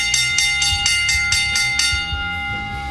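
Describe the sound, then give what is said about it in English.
A bell rings rapidly for the final lap, about eight quick clangs in a steady rhythm, then the struck tone lingers and fades. It is loud, with no voices. “Once again, you got to know what time it is as we get towards the end of this show. It's the bell lap.”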